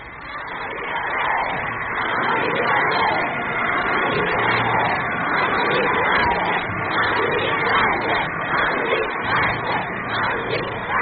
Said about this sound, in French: La foule acclame.